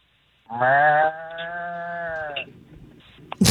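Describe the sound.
A person imitates a bull with a long, steady bellow lasting about two seconds, deep and droning, followed by faint shuffling and a brief rustle at the end.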